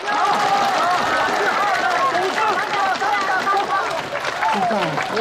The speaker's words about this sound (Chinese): 大家掌声鼓励。